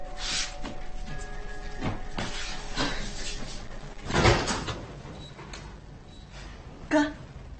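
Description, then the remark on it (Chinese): A door is opened, with a rattling, sliding rush midway through and a sharper knock near the end, over a steady low background hiss. “啊，开门去，开门去。”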